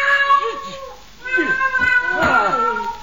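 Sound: cat meowing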